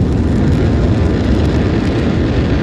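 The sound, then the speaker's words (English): The nine Merlin engines of a SpaceX Falcon 9 rocket roar in a steady, powerful rumble as it ascends and pitches downrange on NASA's 35th commercial resupply mission to the International Space Station, a dense low-heavy wall of noise that stays loud and unbroken throughout, with no voices over it. “So right now the rocket is pitching downrange, and all 9 Merlin engines are continuing to perform well.”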